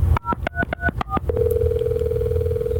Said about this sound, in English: dial his extension, and see if he'll answer.